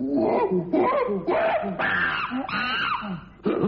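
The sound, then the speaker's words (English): A palm civet calls in a run of loud, wailing, moan-like cries, each harmonic note bending up and down in pitch, with a short final burst after a brief pause. “It's a civet, the palm civet. It's a type of cat, basically.”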